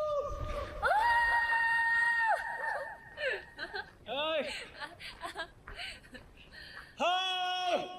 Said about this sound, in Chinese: 到达海拔6638米的冈仁波齐，…在公路上骑自行车，带着坐在轮椅上的…一起前行，两个人兴奋地大喊起来。